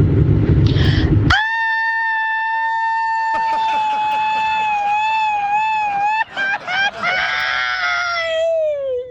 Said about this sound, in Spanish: Ese es el grito